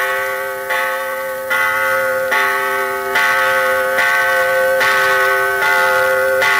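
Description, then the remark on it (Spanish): Cathedral church bells peal loudly and steadily at 6 in the evening, announcing prayer, with a fresh strike roughly every second, each ringing tone sustaining and overlapping the next. No voices are heard. “En esos momentos, las campanas de la catedral repicaban, anunciando la oración.”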